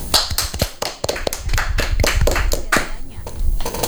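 An audience applauds after a poetry recitation with a dense, uneven patter of hand claps for about four seconds, the sharp slaps crackling loudly over a low background murmur.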